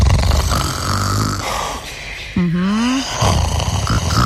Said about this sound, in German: Ja, ich muss ja erstmal ganz kurz sagen, ich mag das ja, ne? Also wirklich, wenn jemand neben mir schnarcht, ich mag das. Dann weiß ich, da ist jemand.